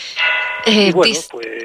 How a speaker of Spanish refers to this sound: Estamos escuchando de fondo las campanas. Sí. Hormigo. Pues sí, menos mal que era solamente la media hora, porque si son las campanas de las 12, tenemos que interrumpir la conversación